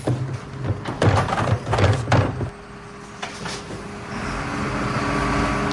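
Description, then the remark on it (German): A garbage truck empties trash bins: a few loud metallic clanks and bangs over a low engine rumble, followed by a steady mechanical drone that grows slightly louder. “Ach so, dann haben wir nur das Geräusch von dem Müllauto gehört.”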